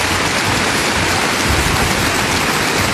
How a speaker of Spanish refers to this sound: Palabra del Señor. Dele un fuerte aplauso a la palabra del Señor, mi querido hermano, mi querida hermana.